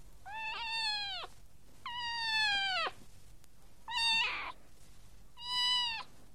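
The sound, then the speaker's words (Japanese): Four drawn-out cat meows, clear, each rising then falling, spaced about a second apart with short pauses between them and no talking. “わかった。この声は猫だもんね。”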